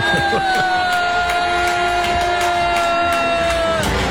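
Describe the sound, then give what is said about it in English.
A large crowd at the closing of the Calgary Stampede boos loudly and continuously as Canadian Prime Minister Mark Carney is introduced, a dense, sustained roar of many voices with one long held tone running through it for the full four seconds. “Oh my God, everyone's booing.”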